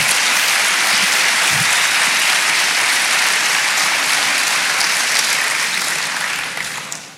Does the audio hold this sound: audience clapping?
yes